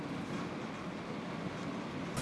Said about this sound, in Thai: ทีมงานวิถีอาเซียนได้ลองเดินทางจากด่านประดังเบซาโดยขบวนรถไฟฟ้าของมาเลเซียนี้